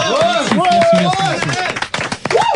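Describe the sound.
A small group on a French talk show claps in quick, uneven bursts for the show's technician while voices whoop and call out over the applause, which stays fairly loud before tapering briefly and picking up again at the end.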